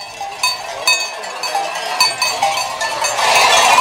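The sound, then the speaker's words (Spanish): A flock of sheep in a pen mills about with many bells clanking and jingling irregularly, occasional bleats mixed in, growing denser and louder toward the end, with no talking. “Las ovejas pasarán la noche en el corral.”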